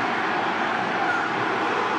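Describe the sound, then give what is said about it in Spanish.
A large stadium crowd of fans shouts at Mexico's goalkeeper in one loud, sustained roar during a Mexico vs United States football match, a dense wall of voices that holds steady for about two seconds without pause. “Segunda vez que se escucha el grito en todo su esplendor”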